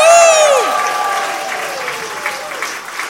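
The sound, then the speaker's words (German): A crowd bursts into loud applause and cheering, with a high whistle or shout sweeping down at the start, then steady clapping and scattered cheers that fade slightly, prompted by a host counting to three at an evening show. “Also so ein bisschen so mit Jubel.”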